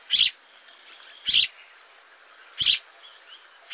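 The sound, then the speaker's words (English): Eurasian tree sparrow calls: three short, bright chirps spaced about a second and a quarter apart, clear, with a faint outdoor background and no talking. “In Lafayette Park in St. Louis, Missouri, a dozen or so Eurasian tree sparrows from Germany were released.”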